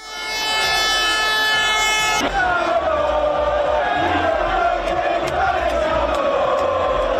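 About 400,000 Inter football fans celebrate the Scudetto and Coppa Italia at night in the streets of Milan, following the players' open-top bus parade: a dense, continuous roar, with sustained horn-like tones and wavering chants rising over the steady din throughout.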